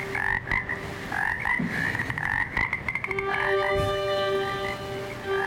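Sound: frogs croaking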